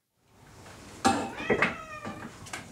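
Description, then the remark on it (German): A cat meows several times in quick succession, loud, with harmonic cries over a faint background hum, in the full cat house of the Elmshorn animal shelter. “Das Katzenhaus im Tierheim Elmshorn ist voll.”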